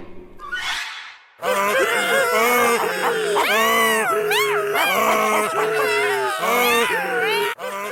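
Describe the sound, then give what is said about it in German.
A donkey, dog, cat and rooster, stacked on one another in a tower and singing together at the donkey's signal, bray, bark, meow and crow in a loud, continuous, discordant chorus of wavering high-pitched cries, after a brief noisy burst at the start. “Als sie diesen schrecklichen Lärm hörten, sprangen die Räuber voller Angst auf.”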